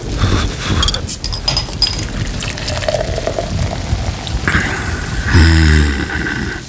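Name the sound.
heavy rain pouring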